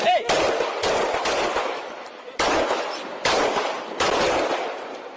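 A series of seven loud, sharp gunshots fired by a police officer rings out at irregular intervals, each blast followed by a lingering, echoing decay, with no talking in between.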